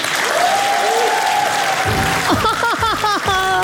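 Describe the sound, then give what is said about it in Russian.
An audience at a Comedy Club show claps in a steady, dense wash of applause for several seconds as two performers begin a sketch, and partway through, higher melodic tones and voice-like sounds rise over the clapping. “Под ваш аплодисмент.”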